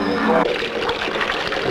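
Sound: flowing water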